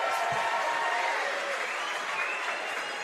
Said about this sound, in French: Les applaudissements pour les catchs de spectateurs, là. C'est parce que Québec commence à devenir baseball pour vrai.